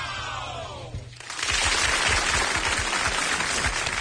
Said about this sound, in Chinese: 必须鼓掌。 哇，太棒了，太棒了。